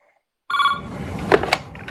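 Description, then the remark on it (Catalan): A telephone rings once after a brief silence: a bright, tonal burst that starts abruptly and fades into a noisy, rattling wash with a couple of sharper clicks toward the end. “Li sona el telèfon i li estan explicant tota l'estona.”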